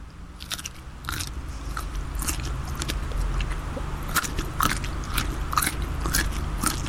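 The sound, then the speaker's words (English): Crunchy chewing as a person eats a crunchy food for others to guess, with repeated sharp crackling bites scattered irregularly over a steady low background rumble, loud, with no talking. “There's a bit of crunch.”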